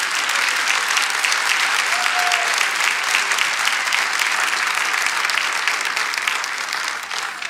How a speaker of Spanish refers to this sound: Amén. Dale otro aplauso a Jesús, porque Él es grande.